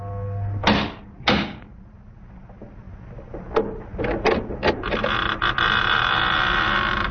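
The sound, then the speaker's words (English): The massive oak door of a chateau on a high bluff opens: two loud, heavy thuds, then a run of creaks and clunks before a steady rushing background settles in. No one speaks. “In a few moments, my bare feet were padding up stone steps, and I stood in front of the massive oaken door.”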